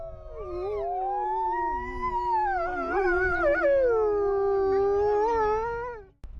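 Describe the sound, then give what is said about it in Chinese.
Several wolves howl together in a sustained, overlapping chorus, long wavering cries sliding up and down in pitch for about six seconds before cutting off abruptly, with a low rumbling background. “我觉得他是我的孩子，我是这些狼的爸爸，我们了解他们的野性，他们理解我的善意。”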